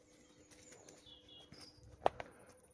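Faint birdsong outdoors along a path heading toward a fountain, thin high chirps and short whistled notes scattered over a quiet background, with one sharp tap partway through.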